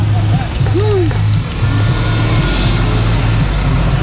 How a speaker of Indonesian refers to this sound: Luar biasa, bis ngetem ini kawan ya. Bis ngetem di Arjosari. Lagi-lagi bis ngetem lagi, bis ngetem lagi ya.